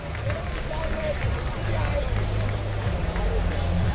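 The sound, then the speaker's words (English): A baseball crowd applauds as umpire Bud Bisaccia stands up after being hit by the ball, a steady, moderately loud wash of clapping mixed with murmuring voices, holding fairly even for the whole few seconds over a low rumbling hum. “It's a nice round of applause.”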